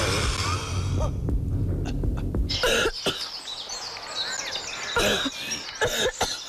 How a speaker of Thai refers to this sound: บางครั้งอาหารก็ตกลงไปในหลอดลมได้และอุดตันทางเดินหายใจของปอดทำให้เราสำลัก